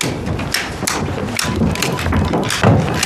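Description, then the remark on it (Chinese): Rapid, uneven wooden clacks of abacus beads being flicked as an army chief of staff does calculations, fairly loud, with short bursts and pauses over a steady background hiss and no talking. “隔着门就听见你算盘珠子的声音了，比过年的鞭炮还响呢。”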